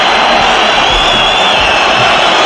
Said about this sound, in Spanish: Bueno, el público está en pie silbando, protestando, pidiendo la expulsión de Carlos Romero, así suena el sardinero.